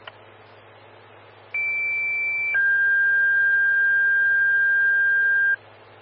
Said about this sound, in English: Evergreen Fire, Station 3, Engine 133, Engine 131, standby for tones on a CO alarm.